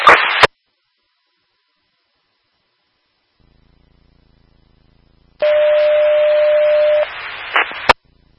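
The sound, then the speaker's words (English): Fire dispatch paging tones over a radio, toning out Station 2, Engine 2 and Rescue 2 for an EMS call: a short burst of static, a pause, then a steady tone through hiss that shifts briefly to a higher pitch before ending in a sharp click. “I have to take rescue 2 for another EMS call. I'm about to phone out engine 2.”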